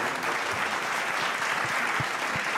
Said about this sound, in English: The winner, of course, is Bukhara. Woohoo! You got the applause. The massive naan Bukhara, India's culinary legend. We have to try that now, Arun. A huge round of applause for the team of Bukhara.